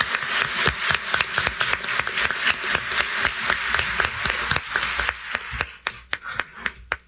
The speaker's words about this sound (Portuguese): salva de palmas para as nossas crianças e adolescentes.